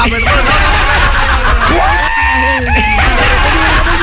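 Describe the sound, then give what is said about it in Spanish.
A high, drawn-out traditional Andean peasant festive shout rings out with rising and falling pitch, joined by other excited yells over loud crowd noise, energetic throughout. “Ahora pégate el gritito nomás, el gritito campesino.”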